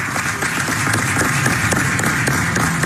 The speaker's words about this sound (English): Oh, and the room erupts in applause.